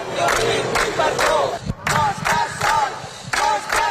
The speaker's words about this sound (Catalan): Roger Espanyol ha arribat a les 9 del matí a l'Audiència de Barcelona, on l'esperaven una trentena de persones amb pancartes i crits de suport.